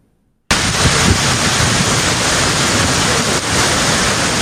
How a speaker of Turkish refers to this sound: İnönü mahallesinde dereden taşan sel suları yerleşim yerlerini yuttu.